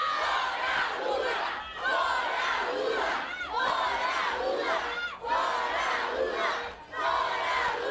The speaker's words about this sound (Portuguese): Nesse momento, então, já em gritos de fora Lula ali, né, já meio que trabalhando